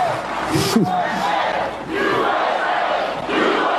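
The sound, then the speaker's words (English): A large crowd at Mount Rushmore roars and cheers for President Trump in a sustained wash of noise, with voices shouting over it and a brief swell of louder yelling early on. “President Trump and the country getting an enthusiastic reception from a very happy crowd.”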